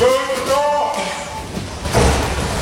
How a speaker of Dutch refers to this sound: Ja, zo wordt straks traditioneel de deur dichtgeslagen in het gezicht van een van de medewerkers van de koning. Dat klinkt dan zo.